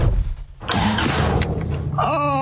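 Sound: car engine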